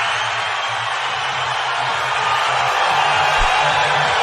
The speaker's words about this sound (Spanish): pero quiero que usted escuche el momento en el que él dice el nombre y todo, y la gente que estaba allá empieza a gritar.